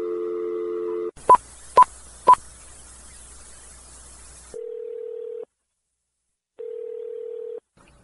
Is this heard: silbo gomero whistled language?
no